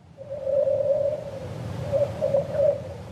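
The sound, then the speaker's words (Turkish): Eerie singing from the frozen ice of Edmonds Lake, a remote lake in Alaska: a sustained mid-pitched warbling tone in two long phrases, with brief pulsing chirps, over a low rumbling background. No one speaks. “Fakat bu kez göl şarkı söylüyor. Donmuş göl, ıssız bir yer, garip sesler.”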